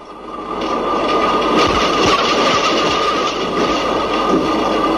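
A tram rattles steadily along the tracks, with loud continuous rumbling, irregular metallic clacks and a faint whining squeal from the wheels throughout.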